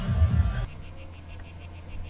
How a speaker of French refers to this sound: Vous entendez le calme des cigales de Néoul.